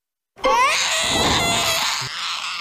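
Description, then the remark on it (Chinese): A baby wails loudly and continuously, a high, strained cry that starts abruptly and holds for a couple of seconds without pause, piercing. “别哭了，我求求你，哭了我耳朵快穿了。”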